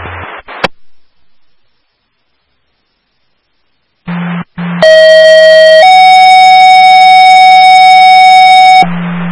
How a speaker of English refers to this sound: Would you like radio tones? Yes, please.